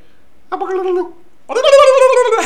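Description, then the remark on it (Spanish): A person's voice imitates a turkey gobbling in two warbling bursts, a shorter one and then a longer, louder one, with no other talk. “Usted que hace ruido de animales, escuche, ¿qué le dijo un pavo que se va a dormir a otro pavo?”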